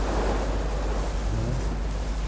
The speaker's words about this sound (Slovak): Zdá sa mi, že počujem more. No počúvajte. Sme celkom blízo.